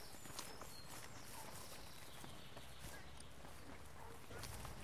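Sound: footsteps walking outdoors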